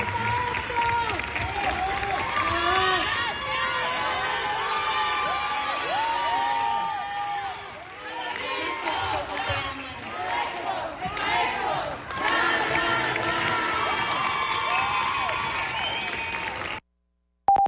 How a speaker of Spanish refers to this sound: Así el Teatro de la Ciudad lleno, Irapuato, su teatro también le reconocía con aplausos, aplausos que hoy está recibiendo seguramente en su camino al cielo.